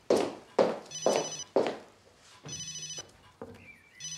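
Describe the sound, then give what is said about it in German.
A mobile phone rings with a bright, repeating electronic melody: several sharp tonal bursts in quick succession, then a sustained warbling ring pattern, clear, with no talking. “Nein, ist nicht Paul. Mein Handy.”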